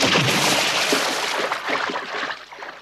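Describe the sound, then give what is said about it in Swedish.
A loud, broad rush of water as Tricklitrick, a three-armed figure, lands with a huge splash in the sea by a lighthouse, followed by continued sloshing and churning as he rows with his three arms, slowly settling toward the end. No voices are heard. “Med ett jätteplask hamnade Tricklitrick i vattnet och började ro av alla krafter med sina tre armar.”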